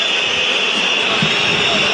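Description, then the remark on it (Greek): A stadium crowd at a football match between LASK and Enosi boos during a corner kick in a steady, loud, unbroken roar that holds at the same level for the full two seconds, with no pauses or single voices standing out. “Ακούτε τις αποδοκιμασίες, στην καρδιά της περιοχής δεν βγαίνει ο Μπρινιόλι, απομακρύνει με το κεφάλι όμως ο Μουκουντή.”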